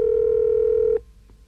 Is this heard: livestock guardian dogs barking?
no